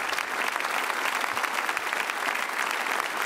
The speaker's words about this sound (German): Ein Mann, der mit Würde und einer gewissen Grandezza jetzt den Beifall des Publikums abschließend entgegennimmt und jetzt auch erstmals lächelt.